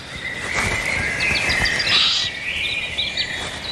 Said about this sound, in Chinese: 周围响起渡鸦警觉的叫声，他在提醒林间动物们警惕这种可怕的捕食者。在森林中，鸟叫声是不容忽视的重要警报。